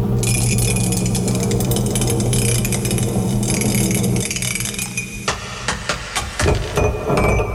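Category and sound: household object, mug nearly dropped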